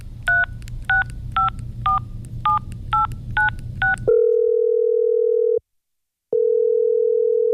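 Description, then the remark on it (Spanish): Eight quick, evenly spaced touch-tone beeps as a phone number is dialed over a low background rumble, followed by a loud, steady electronic tone that cuts out briefly and resumes; the number dialed does not exist. “Lo sentimos. El número que usted marcó no existe.”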